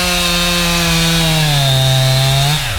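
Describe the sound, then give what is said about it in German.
A loud chainsaw runs steadily at a high whine while felling a tree, its engine bogging lower as it bites into the wood of the trunk, then sagging near the end of the cut. No voices. “Bevor die Kettensäge gestartet wird, wurde erstmal der Weg abgesperrt.”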